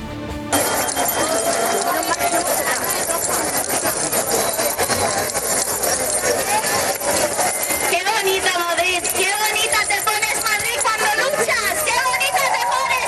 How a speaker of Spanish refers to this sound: Ruido de llaves en Madrid.